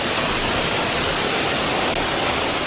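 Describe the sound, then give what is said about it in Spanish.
Heavy rainwater pouring into a Metro Valencia station during flooding rains, a loud, steady, unbroken roar of rushing water that fills the whole clip with dense hiss and low rumble, with no voices. “Este sonido recogido en Metro Valencia.”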